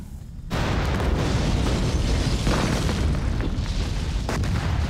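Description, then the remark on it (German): A staged pyrotechnic explosion, set off by a professional pyrotechnician, erupts after a brief quiet moment, followed by a loud, sustained roaring rumble of blast and fire that continues steadily to the end. “Das lässt die ganze Explosion schöner wirken.”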